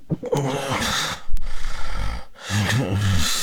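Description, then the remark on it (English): Loud, irregular snoring from obstructive sleep apnea (OSA), with rough, rattling inhalations broken by a sudden gasping snort and a brief pause before the labored snoring resumes. “And this next sound, very uncomfortable sounds of breathing while sleeping.”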